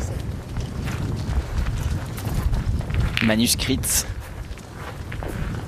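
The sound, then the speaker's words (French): Steady outdoor wind rumbles and buffets low throughout as the wind picks up, a constant blustery roar, with a person speaking briefly over it partway through. “Et faites attention parce qu'avec le vent qui se lève, elle risque de s'envoler vos fiches.”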